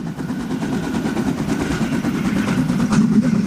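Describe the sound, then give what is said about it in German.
A narrow-gauge steam locomotive of the Harzer Schmalspurbahn puffs steadily through the forests and mountains of the Harz, its rapid, rhythmic chuffs blending into a loud, continuous hiss and rumble, with no voices. “Die Harzer Schmalspurbahn schnaufen sich da durch Wälder und Berge.”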